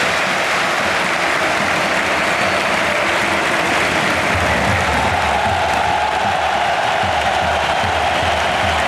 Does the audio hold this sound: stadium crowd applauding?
yes